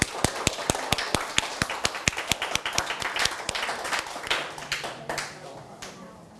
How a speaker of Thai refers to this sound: เอาล่ะปรบมือให้กับเพื่อนด้วยครับนักเรียน